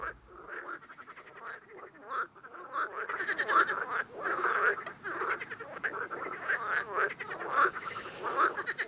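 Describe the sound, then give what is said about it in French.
A dense chorus of frogs croaking continuously, many overlapping calls with rapid pulsing rhythms, steady throughout, with no voices. “Et de retour dans les studios de RGO avec nos batraciens dans l'oreille du cyclope, une spéciale grenouille aujourd'hui.”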